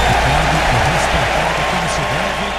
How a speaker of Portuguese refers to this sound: Aplausos das duas torcidas, portanto, vamos para o jogo.